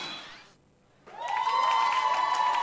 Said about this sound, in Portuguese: Muita uma então, salva de palmas.